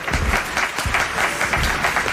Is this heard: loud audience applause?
yes